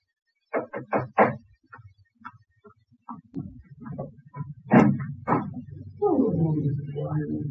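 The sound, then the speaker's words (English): Four quick, firm knocks on a front door by the postman in a brisk cluster, followed by softer scattered thuds and shuffling, then a steady low rumble toward the end. “Next morning, I was having breakfast when I heard the postman knock at the door.”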